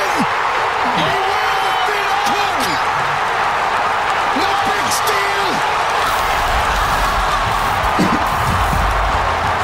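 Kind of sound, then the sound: crowd, stadium crowd roaring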